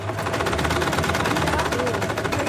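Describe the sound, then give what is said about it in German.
Several sewing machines, brought along by the women, men and children of a handicraft course at Freiraum 22, run together in a fast, steady mechanical rattle, loud and continuous, with a low hum underneath and faint voices in the background. “Die Frauen, Männer und Kinder im Handarbeitskurs beugen sich über ihre mitgebrachten Nähmaschinen.”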